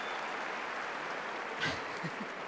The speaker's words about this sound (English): the chair umpire, laying down the law. Gets applauded. Quite right.